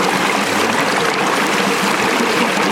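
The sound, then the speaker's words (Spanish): Ice-cold carbonated mineral water pours and fizzes in a steady hiss that runs unbroken for about three seconds at an even, fairly loud level, with no voices. “Sí, agua con gas. ¿Es agua con gas? Sí.”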